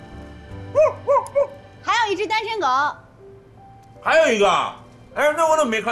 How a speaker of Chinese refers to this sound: 刚才我去胡同的时候，有两只狗打架